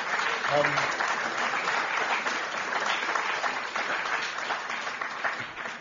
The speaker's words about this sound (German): Toll, Applaus bitte für diese Klasse.